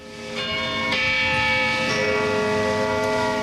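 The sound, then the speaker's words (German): The bell of St. Peter's tower in Zürich strikes noon in slow, steady, dull strikes, twelve in all, each deep clang overlapping the long, humming ring of the one before. No voices are heard. “Wenn es in Zürich Mittag ist, hört man 12 dumpfe Schläge vom St. Peterturm und das Knurren von 500.000 hungrigen Mägen.”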